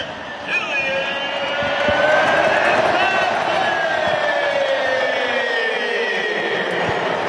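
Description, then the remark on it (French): A huge stadium crowd roars in celebration after Kylian Mbappé scores for France (Les Bleus) against Sweden, his fifth goal of the World Cup; a loud, sustained wall of cheering with rising, drawn-out tonal voices that swell and hold for the whole stretch. “Et écoutez l'acclamation.”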